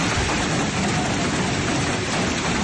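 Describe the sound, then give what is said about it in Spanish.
Hail from a thunderstorm pelts down in the afternoon in Yécora, Rioja Alavesa, Álava, Spain, in a dense, continuous roar of countless tiny impacts, loud and steady throughout with no pauses and no voices. “Es el sonido del pedrisco ayer por la tarde en la localidad riojano-alavesa de Yécora, donde la tormenta dejó 30 litros por metro cuadrado en poco tiempo.”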